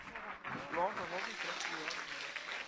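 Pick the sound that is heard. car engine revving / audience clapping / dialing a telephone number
audience clapping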